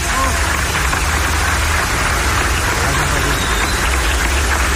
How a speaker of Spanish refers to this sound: Un aplauso a los maestros de Michoacán, fuerte.